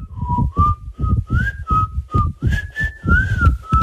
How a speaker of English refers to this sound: All right, now you reckon you know what, this whistle. Can we hear it again?